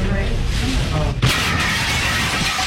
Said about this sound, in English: So they go into a local restaurant when a car crashed through the window.